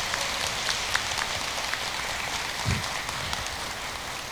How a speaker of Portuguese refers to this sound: Uma salva de palmas aos nossos avós e idosos.